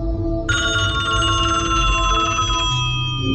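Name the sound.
telephone ringing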